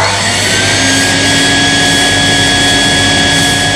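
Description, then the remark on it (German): A neighbour's vacuum cleaner runs without pause shortly after seven in the morning, a loud, steady motor roar with a thin high whine on top, holding at one even pitch for the whole few seconds and no voices. “Ja, das kann nervig sein, müsst ihr aber auch ein bisschen verstehen, weil wann soll man denn sonst heute staubsaugen?”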